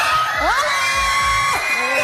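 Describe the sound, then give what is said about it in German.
A school class of children screaming and cheering loudly together, with shrill high-pitched shrieks rising and sustained over a dense, excited roar, continuous throughout. “Ja, was da so ein Geschrei ausgelöst hat, was da abgerufen ist, das hörst du diese Stunde bei SRF Kids.”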